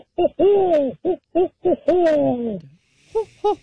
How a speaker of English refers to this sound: The sound that a barred owl it makes.